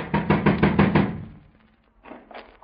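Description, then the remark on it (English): A quick series of about six firm knocks on the door of the suspects' apartment in Oakland, made by police officers, evenly spaced, followed by a brief pause and then a few more knocks starting up again. “Better try knocking, Stone.”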